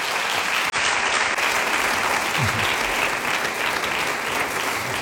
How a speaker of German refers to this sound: Und dieses Gefühl, Applaus, ich meine jetzt, das ist ja ein überschaubarer Rahmen